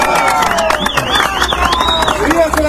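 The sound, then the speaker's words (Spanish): A crowd at a political alliance rally applauds the Izquierda Democrática party steadily, many hands clapping in a dense, continuous patter, with voices, cheering and a wavering whistle rising over the noise. “Un fuerte aplauso para la izquierda democrática que forma parte de la historia política.”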